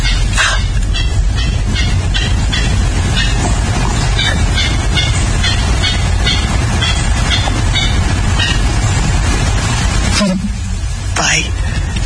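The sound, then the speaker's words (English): A clapper rail's dry, clattering call in Georgia in the morning: long runs of rapid clicking pulses over a steady low rumble, loud and nearly continuous, with a brief break near the end. “I think they get their name clapper rail because they sort of clatter or clap their beaks together, hiding out in salt marshes.”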